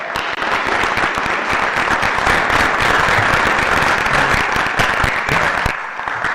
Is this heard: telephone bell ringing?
no